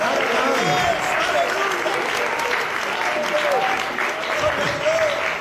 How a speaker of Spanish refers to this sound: Den un aplauso al Señor Dios mío.